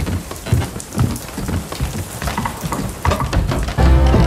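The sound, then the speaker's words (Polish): Heavy rain pours down in a steady, dense hiss with scattered louder drops and patters, growing stronger and more rumbling toward the end. “Wchodźcie szybciutko, basałyki, bo strasznie pada.”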